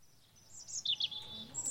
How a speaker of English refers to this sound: Okay, the birds are back.